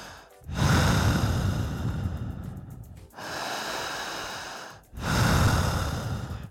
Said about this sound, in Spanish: ¿Cómo es la respiración?